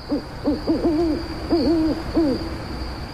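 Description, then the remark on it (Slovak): An owl hoots softly in a quick series of five or six wavering, tremulous calls, sounding somewhat distant, with a thin steady whine in the background and no voices. “A niekde v diaľke dokonca tíško zahúkala na pozdrav aj sova.”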